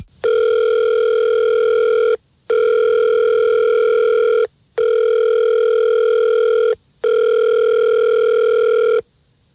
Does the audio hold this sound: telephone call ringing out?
yes